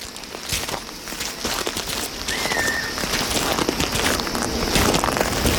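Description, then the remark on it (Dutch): Steady footsteps swish and crunch through grass as people walk across an open grassy plain, a soft rustling rhythm that carries through the whole stretch, with a brief bird chirp in the background partway through. “We lopen over een open vlakte, maar we zien wel ook wel her en der bosjes, hè?”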